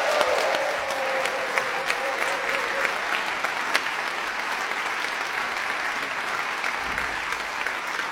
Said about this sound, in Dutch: Een heel groot applaus.